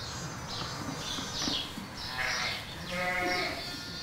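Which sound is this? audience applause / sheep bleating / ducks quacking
sheep bleating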